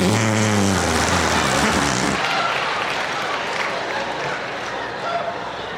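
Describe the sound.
A fake fart squeezed out of the crook of an arm: a loud, low, buzzy sputter lasting about two seconds, followed by a steady wash of crowd-like noise.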